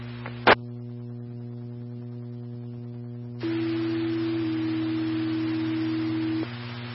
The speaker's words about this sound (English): these are also tones for you to respond to the structure fire at 16787.